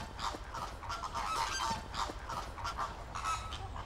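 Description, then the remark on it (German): A flock of flamingos, feeding with their feet in water, calls continuously in nasal, goose-like honks, overlapping in a busy chatter with repeated bursts, over a steady hiss of rain. “Aber bei Regen mit den Füßen im Wasser, für die Flamingos kommt das Sauwetter gerade recht.”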